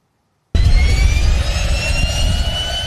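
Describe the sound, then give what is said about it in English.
After a brief silence, a Cessna Caravan turboprop airplane engine cuts in abruptly and roars loud, a steady low rumble layered with high whining tones, with no voices, heard from the co-pilot seat of an experimental plane flown by artificial intelligence. “I'm in the co-pilot seat of a Cessna.”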